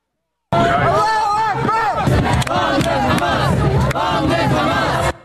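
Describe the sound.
A large crowd of pro-Palestinian protesters in Manhattan on a Wednesday night chants "Long live Hamas" in unison during a vigil marking 3 years since the October 7th attacks in Israel, many voices rising and falling together in rhythmic, sustained cries, loud and continuous with a dense babble underneath.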